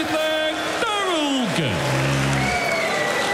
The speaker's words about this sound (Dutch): Ook het applaus van zijn vriendin.